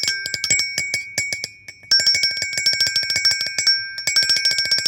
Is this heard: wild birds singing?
no